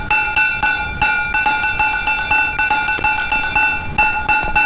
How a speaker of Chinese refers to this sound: 你手不听使唤，敲那破碗就听使唤了。别敲了，行不行？